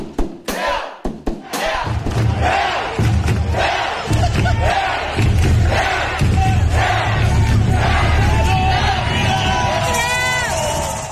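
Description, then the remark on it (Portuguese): A big crowd joins in the Norwegian fans' rhythmic rowing-style chant, the 'remada', done to the beat: a few loud, sharp thuds open it, then a dense, sustained roar of many shouting voices carries on with faint beats underneath. “Eles têm a remada que é na batida, a gente tem o creu, que é creu, creu, creu.”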